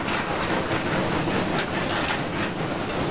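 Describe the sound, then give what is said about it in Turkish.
A steam locomotive working hard as it climbs a mountain pass, its fire fed by about one ton of coal shoveled per hour, heard as a loud, dense, continuous roar of rushing steam and rumbling machinery with faint rhythmic chuffs underneath, and no voices. “kürekle saatte 1 ton kömür atması ve pistonları pompalamak.”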